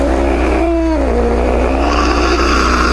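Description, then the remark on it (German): A cat meows insistently in drawn-out, wavering calls, fairly loud, over a steady low rumbling hum that runs throughout, demanding that its food be opened. “Und wer der Dosenöffner funktioniert nicht auf Anhieb, dann wird aus diesem majestätischen Schnurren hier innerhalb von wenigen Sekunden womöglich eine kleine Terrorpelzkugel.”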